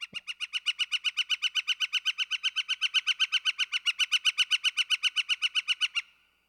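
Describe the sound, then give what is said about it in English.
A northern flicker, a woodpecker, recorded in New York, gives a long, loud rattling call: a rapid, even series of sharp repeated notes running steadily for about six seconds, clear with no other sounds. “Northern flicker is the bird of the day.”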